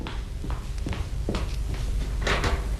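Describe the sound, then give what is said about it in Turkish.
A door opens with a series of sharp clicks and dull knocks from the latch and frame, spaced unevenly over a few seconds against a low background hum. “Aa, kapı mı o Melike? Evet.”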